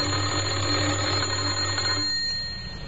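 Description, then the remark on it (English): A man presses the doorbell of a house in Oxford, and it rings with a harsh, continuous electric buzz for about two seconds, then cuts off and leaves a faint fading hum. He tries it again. No voices. “He had a worried expression on his face as he walked up the few steps and pressed the doorbell. Again he tried.”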